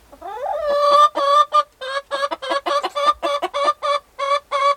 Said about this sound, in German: Nein, lacht Hedwig und lässt ein kurzes Gackern hören.